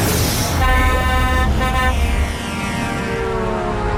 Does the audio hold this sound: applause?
no